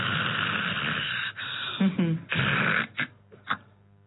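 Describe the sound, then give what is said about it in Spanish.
A person imitates the snoring of someone with sleep apnea, who stops breathing and then breathes again: a rough, rasping breath drawn out for over a second, then broken into a few shorter snorts and gasps separated by brief pauses. “Entonces, vamos a imaginar que estamos roncando.”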